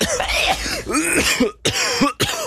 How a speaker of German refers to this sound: der Ton mit dem Husten